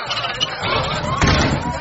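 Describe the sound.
A man steps outside and pulls a door shut behind him with a single dull thud partway through, set against a murmuring background of crowd voices.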